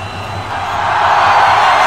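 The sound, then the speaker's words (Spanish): A large stadium crowd gives an ovation to Lewandowski, roaring with sustained cheering and applause, a dense wash of noise that swells steadily louder over about two seconds, with no single voice standing out. “Escuchen la ovación que le hacen.”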